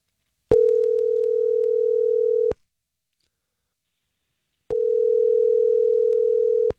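Two long, steady ringback tones from an outgoing phone call placed by radio station Star 101.3 during its Second Date Update segment, each about two seconds with a silent pause between, clear with no talking.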